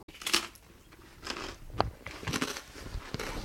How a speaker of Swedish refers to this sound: Bra radioljud med. Det är inte det värsta att höra, någon som knastrar. Men... Nej, det är det bästa, känner jag själv nu.